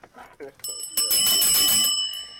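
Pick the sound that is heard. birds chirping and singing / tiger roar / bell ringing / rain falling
bell ringing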